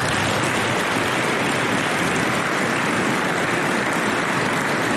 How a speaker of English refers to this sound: Please join me in a round of applause for the Dragoon families.